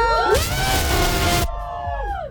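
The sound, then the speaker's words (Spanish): A crowd of students at UAM Xochimilco lets out a loud, sustained shout that swells for about a second, then trails off into scattered, fading yells and whoops. “No, dije, no van a gritar. Entonces, no, el grito.”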